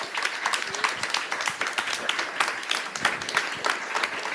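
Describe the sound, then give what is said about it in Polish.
A crowd applauds a music group from Łódź, many hands clapping in a dense, continuous patter that holds at an even, fairly loud level throughout with no talking over it. “Brawa dla nich.”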